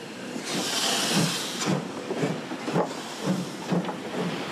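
A 1943 steam freight locomotive, pulling two 1970s express-train compartment coaches, rolls slowly away from the Eiserner Steg along the Main river in Frankfurt: a steady hiss of steam over a regular, unhurried rhythm of low chugs and clanks, with no voices.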